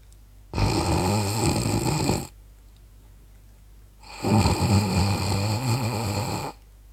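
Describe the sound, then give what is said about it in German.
Two drawn-out snores from a sleeping woman, each lasting about two seconds with a quiet pause between, fairly clear, breathy and buzzing with a gentle nasal tone, softly from the root of the nose rather than open-mouthed, with no talking. “schnarcht, dann nicht so aus voller Kehle bei offenem Mund, sondern ganz zart, von der Nasenwurzel her.”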